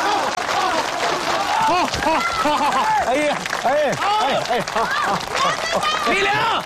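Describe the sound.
A crowd claps and cheers steadily for several seconds as an election candidate is welcomed on stage to give a speech, many voices shouting and whooping over a dense, continuous wash of applause that stays loud throughout.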